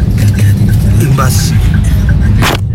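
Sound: road traffic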